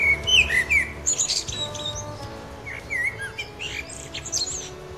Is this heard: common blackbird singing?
yes